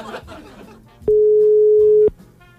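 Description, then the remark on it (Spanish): A single steady telephone ringback tone sounds for about a second, loud and clean, as a call to a birthday person rings out unanswered after some faint laughter and murmuring. “Me parece que no nos contesta el cumpleañero, ¿ah?”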